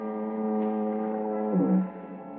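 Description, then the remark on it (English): A foghorn at the point near San Quentin Prison moans in one long, steady, reedy blast, holding its pitch before sagging downward near the end, as fog turns to drizzle, with no voices. “Except for the monotonous moan of the foghorn down at the point near San Quentin Prison.”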